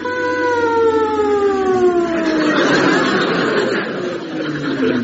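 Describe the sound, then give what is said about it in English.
A stuck lorry horn blares continuously without a break, its loud, steady harmonic tone slowly sagging lower in pitch, with a rougher, noisier stretch partway through. “Try making it a sort of a longer hoot, sir.”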